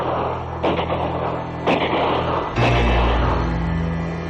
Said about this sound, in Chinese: 廖飞被带到了黑木慈的办公室，他刚一进来，外面就传来了一阵枪声。